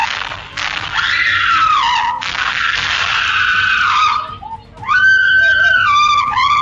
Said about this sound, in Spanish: Ambos están armados, así que a la cajera no le queda otra que gritar arriesgando el pellejo.